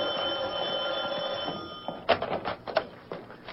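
An old telephone bell rings steadily with a sustained metallic tone for about two seconds, then stops abruptly and gives way to clattering handling noises as the receiver is picked up.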